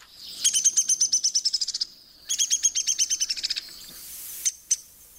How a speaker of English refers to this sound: Woodpeckers do not really sing, though they do have distinctive calls. Here's the downy.